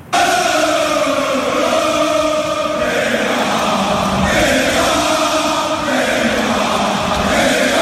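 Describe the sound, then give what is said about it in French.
A group of teammates cheers and claps continuously at a team training session, welcoming a returning player, with loud, overlapping shouts and whoops over a steady wash of applause that holds for several seconds. “Il a été fêté par ses coéquipiers qui l'ont applaudi, l'ont pris dans les bras comme s'il revenait de 6 mois d'expédition au pôle Nord.”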